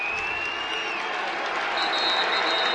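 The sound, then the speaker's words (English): A crowd of fans on their feet at a Yale Bulldogs game, with under a minute left in regulation, cheers and applauds in a dense, steady roar of clapping and shouting, with thin high whistles slicing through. The noise stays loud for the whole stretch. “Fans on their feet.”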